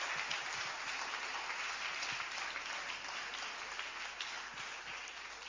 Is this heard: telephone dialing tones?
no